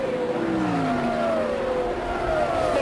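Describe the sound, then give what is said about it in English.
Loud racing engines roar steadily, their pitch sliding downward as cars speed past, among them Johnny Rutherford's bright canary yellow number 4 Pennzoil full ground effects car heading into the short chute; a continuous high-powered drone with no talking. “And here's Johnny Rutherford in that bright canary yellow number 4 full ground effects machine into the short chute.”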